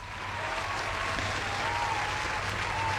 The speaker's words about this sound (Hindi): आपके लिए तालियां हो जाएं।